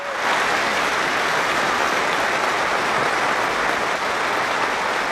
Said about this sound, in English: Middlesbrough fans have held a minute's applause to pay tribute to two police officers killed in a head-on collision last weekend.